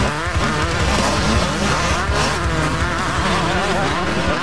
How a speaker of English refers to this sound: And the racing explodes onto the track at 8 p.m.